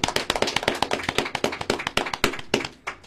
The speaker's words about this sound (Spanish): Muy bien, un fuerte aplauso, hermanos.